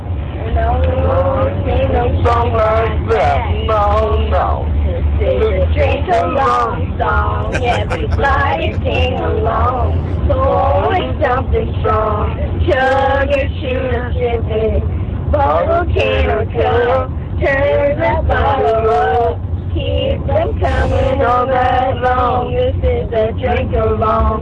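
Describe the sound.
Three kids sing karaoke together loudly, a bit ragged and uneven, in the backseat of a car, over the steady low rumble of the car interior that continues throughout.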